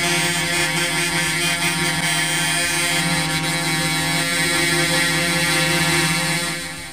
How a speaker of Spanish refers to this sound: Ya, lo que está escuchando recién, si se puso en sintonía recién ahora con la radio, es los bocinazos que están efectuando 1, 2, 3, 4, 5, 6, 7, 8, digamos más, ¿eh? Más camiones que han llegado hasta este lugar.